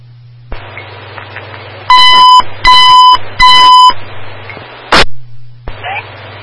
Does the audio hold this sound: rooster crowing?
no